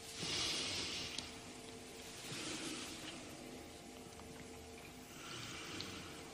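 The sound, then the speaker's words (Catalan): Slow, deep breaths of a patient drawn in and let out for a doctor's examination, three airy hissing rushes spaced a couple of seconds apart, moderately loud against a faint steady hum, with no one speaking. “A veure, respira.”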